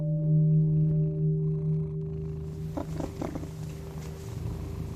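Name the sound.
cat purring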